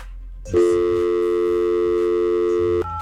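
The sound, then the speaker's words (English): A steady electronic telephone tone sounds for a little over two seconds, loud, with a brief low hum before it and a short shift in pitch as it cuts off, as a phone number is dialed to reach a prize winner. “Let's see if we can get Jada on the phone real quick”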